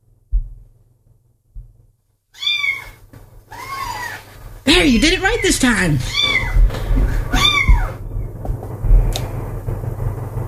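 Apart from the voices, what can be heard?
kitten meowing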